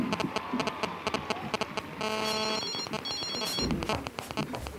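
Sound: telephone ringtone ringing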